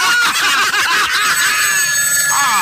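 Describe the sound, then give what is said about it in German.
A telephone bell rings loudly on a Sunday morning, a rapid, continuous metallic trill that fills the whole short stretch with no talking over it. “Am Sonntagmorgen Telefon.”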